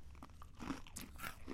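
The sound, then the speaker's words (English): Crunching as someone bites into a crisp cookie with a creamy filling and chews, a few sharp brittle cracks in quick succession with no talking. “They're crunchy.”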